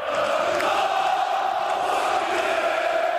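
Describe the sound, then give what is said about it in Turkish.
A large crowd of Fenerbahçe club members chants together with Aziz Yıldırım, celebrating his club election victory, a loud, dense roar of many voices that carries on without a break for the full length. “Aziz Yıldırım seçim galibiyetini üyelerle birlikte tezahürat yaparak kutladı.”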